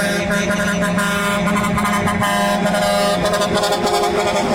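A loud novelty musical car horn of a type used in Mexico plays a continuous melodic tune of sustained tones, with faint traffic noise underneath and no talking.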